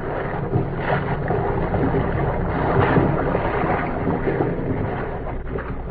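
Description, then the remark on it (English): A steady, enveloping rush of wind and churning sea on the darkened deck of an incoming ocean liner under way, some 300 miles at sea, continuous and fairly loud with no voices. “If K-7 and B-9 could have known what was happening on the darkened deck of the incoming liner, some 300 miles at sea, their problem would have been answered.”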